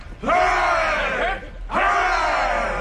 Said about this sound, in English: A cheer for Captain Smollett. Hooray!